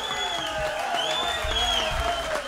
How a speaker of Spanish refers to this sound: Un aplauso fuerte viene, que soy duro.